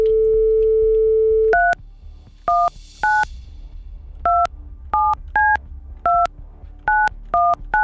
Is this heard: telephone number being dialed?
yes